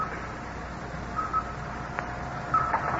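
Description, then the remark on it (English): Two short electronic blips from a radar screen tracking the returning Satellite 7, spaced about a second apart, sound faintly over a steady hiss and low rumble, with a thin continuous tone in the background. “Listen to the blips on the radar screen.”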